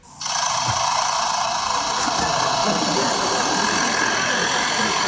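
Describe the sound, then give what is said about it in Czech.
A lyrebird at a zoo mimics the construction machinery that repaired its aviary over a few days, as it did each morning after the repair, producing a loud, steady mechanical whirring and grinding drone that starts abruptly and holds without pause, heard alone. “A po té opravě si ten Lirochvost každý ráno takto prospěvoval.”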